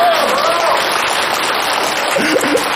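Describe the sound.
An audience applauds in a steady, dense wash of clapping that holds at an even level for the whole stretch, with faint voices briefly rising underneath near the end.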